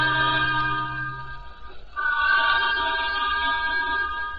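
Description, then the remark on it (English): A steam train whistle on a through train between Carlisle and Preston blows a loud, steady, reedy chord as the train slows down, breaks off briefly, then sounds again in a long sustained blast with no voices. “From the sound of that whistle, there may be something on the lines.”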